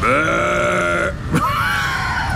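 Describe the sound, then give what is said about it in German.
A sheep bleats twice: a long, wavering cry, then after a short break a second drawn-out bleat, loud and nasal, with no voices around it. “Ach, sicher nur eines der verdammten Schafe.”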